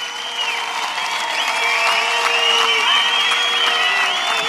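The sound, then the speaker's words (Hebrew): Loud, sustained applause from a large crowd following remarks by Israeli Prime Minister Netanyahu: dense rapid clapping with some cheering and whistles mixed in, steady throughout and swelling slightly midway. “אלה הדברים של ראש הממשלה נתניהו, שאתם שומעים את מחיאות הכפיים הרמות.”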